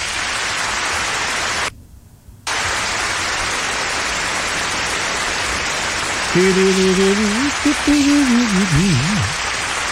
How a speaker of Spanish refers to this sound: Eso es, un aplauso grande.